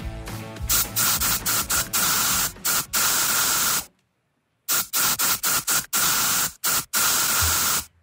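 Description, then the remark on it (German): An aerosol deodorant can hisses in a rhythmic series of short and longer sprays, loud, with one brief pause midway before the bursts resume. “Und auch wir haben wieder einen Song in die Sprühdose gepackt.”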